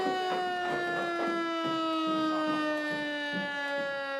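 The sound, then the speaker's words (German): A civil defense siren sounding its noon test, a steady, loud wailing tone with rich harmonics that slowly falls in pitch, with faint irregular thumps underneath and no talking. “Ja, 12 Uhr. Pro Alarm.”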